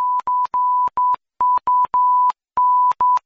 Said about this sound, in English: Now, they can beep that, but if they do, they just said c*** in Morse code.